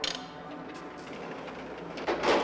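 A drawer slides with a brief scraping rush near the end as a gift is put into it, after a soft click at the start, over a faint steady hiss; no one speaks.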